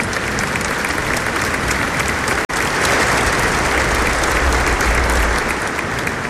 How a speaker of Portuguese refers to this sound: e todo esse querido povo com uma grande salva de palmas. Bem-vindos!